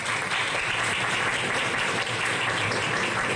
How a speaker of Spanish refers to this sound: La medalla de plata en escalada deportiva. Otro resultado que suma el medallero de nuestros deportistas. Un aplauso para Valentina Flores.